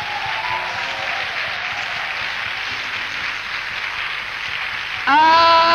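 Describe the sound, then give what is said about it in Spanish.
A large crowd applauds loudly and steadily for several seconds, a dense wash of clapping, before a voice briefly cuts in over it near the end. “Fuerte el aplauso, vamos.”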